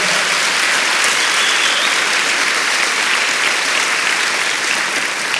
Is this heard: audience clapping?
yes